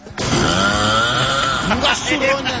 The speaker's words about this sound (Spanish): Me asusté. No mames, está roncando, se le metió el diablo.